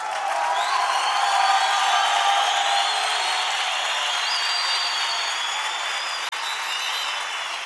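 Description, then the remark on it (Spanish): An audience shouts together from the back, crying out "expresión de amor" in response to the preacher: a dense, sustained roar of many voices, loud and steady for nearly eight seconds, with higher cries rising above the mass and a brief dip near the end. “Los que están allá atrás me oyen, gritan desde ahí, expresión de amor.”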